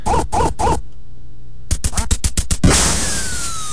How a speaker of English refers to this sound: Remember the Nintendo Entertainment System, the NES, the first one that came out? Remember it shipped with the game Duck Hunt, right? You remember this one? Right on that dog and you're shooting the ducks and...